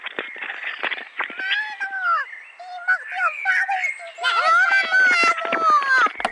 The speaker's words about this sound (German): Wissen Sie eigentlich, dass hier auch im Mansfelder Land die Vögel auch Dialekt pfeifen? Wenn Sie mal richtig hinhören, ich halte mal das Telefon ran